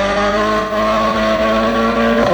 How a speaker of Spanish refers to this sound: La música de los motores del Rally Mundial